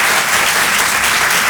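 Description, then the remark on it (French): An audience claps steadily throughout, a dense, even wash of many hands with no voices, holding a constant loud level for the whole short stretch; they applaud in answer to a performer asking who understands him despite his accent. “mais juste par applaudissement ici, qui, par applaudissement, me comprend bien malgré mon accent?”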